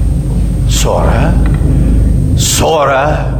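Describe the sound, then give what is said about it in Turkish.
A steady, low engine rumble drones from afar throughout, with a voice speaking briefly over it twice. “Uzaklarda bir motor gürültüsü vardı.”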